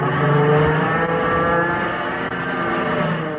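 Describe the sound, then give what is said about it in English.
A fighter plane's engine roars loudly and continuously, a dense, droning hum with a slight shift in pitch as it banks through a loop to get behind a Japanese fighter, with no voices. “Gonna see if I can loop and get behind him.”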